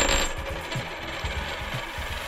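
A flipped coin rings and rattles against a hard surface, spinning and bouncing in quick metallic chatter before settling on heads, fairly clear with no talking.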